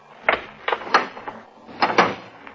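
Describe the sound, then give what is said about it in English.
An elevator door opens onto an empty shaft, with the elevator car 22 floors below, with a run of mechanical clunks and rattling scrapes, two loud bursts each followed by lighter clicks over a low rumble, with no voices. “open the elevator door”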